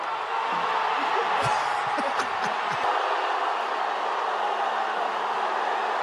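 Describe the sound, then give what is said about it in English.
A crowd of thousands of fans cheers outside Ronaldo's hotel in Toronto in a steady, dense roar that barely varies in loudness, with a few sharp shouts and whoops rising above it in the first few seconds. “There's thousands of people just cheering, and eventually Ronaldo himself came out and waved to the crowd.”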